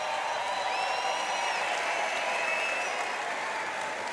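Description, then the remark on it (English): An audience claps steadily and densely for several seconds at a band's concert at the Vodafone Paredes de Coura festival, a continuous wash of hand claps with a few high, piercing whistles rising over the ovation. “Big applause for my brother Alejandro.”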